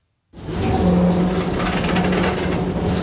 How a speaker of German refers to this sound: Langsam ruckelt die blaue Straßenbahn die Küstenstraße entlang. Tram nennen die Einwohner von Alexandria sie liebevoll. Genau wie das Meer gehört sie fest zum Stadtbild der ägyptischen Mittelmeermetropole.